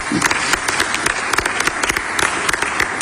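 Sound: audience applause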